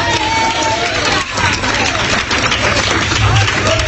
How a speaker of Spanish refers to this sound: Si va a aplaudir, hágalo bien, hermano.